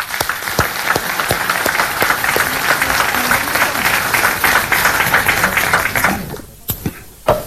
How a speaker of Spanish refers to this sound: A todas y a todos ustedes, muchísimas gracias por estar acá, y un caluroso aplauso sincero, verdadero, para todas y todos ustedes.